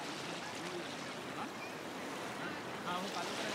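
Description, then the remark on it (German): Steady, hissing wash of sea waves rolling in, a continuous rush of surf with a slight swell near the end and faint voices in the background. “Aber wenn die Wellen kommen, kriegt er Angst.”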